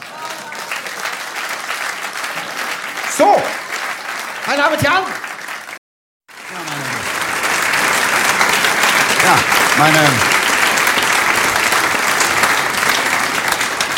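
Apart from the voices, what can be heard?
audience applause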